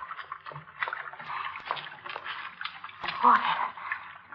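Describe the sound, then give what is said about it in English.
Water dripping in a sewer, with many irregular drips and small splashes falling over a steady wet background hiss, a slightly louder splash near the end. “Water again.”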